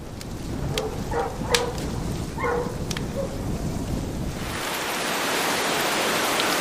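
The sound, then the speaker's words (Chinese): Heavy rain pours down as a steady, dense hiss that swells louder toward the end, with a few dog barks sounding faintly in the background early on. “几天之后，终于迎来了一场大雨。”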